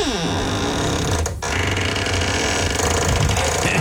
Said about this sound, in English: And I'm going to let you listen to my squeaky door. There it is. Get ready.